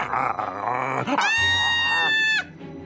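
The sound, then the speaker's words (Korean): A startled wolf bites an intruder's hand: a rough animal snarl builds for about a second, then breaks into a loud, sustained howling cry that cuts off abruptly. “놀란 늑대가 냅다 그 손을 물어버렸고 그 순간 아이와 범인은 감쪽같이 사라져버렸어요.”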